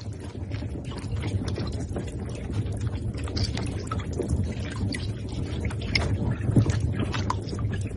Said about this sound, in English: Those clicks you've just heard were calls made by baby giant Amazon river turtles swimming together and vocalizing.